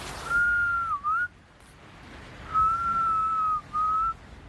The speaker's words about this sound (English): Just as we are waiting for beluga whales to hear the whistle and come over.